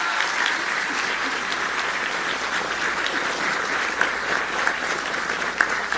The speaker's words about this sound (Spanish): Y de eso se encarga todo Efraín, así que vamos a darle un aplauso a Efraín Morales.